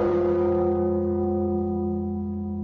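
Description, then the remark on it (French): A large church bell rings with a deep, resonant toll, its rich hum sustaining loudly and slowly fading, with no voices present. “C'est en faisant sonner les cloches de Saint-Germain-l'Auxerrois que Catherine de Médicis donna, dit-on, le signal du massacre”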